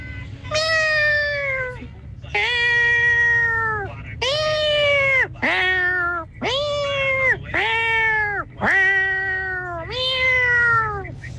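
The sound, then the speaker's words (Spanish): A radio listener shows a hidden talent by imitating a cat for Tropicana, producing seven drawn-out, convincing meows in a steady series, loud, each rising then falling in pitch, with a low background hum underneath. “Yo pensé que era un gato de verdad”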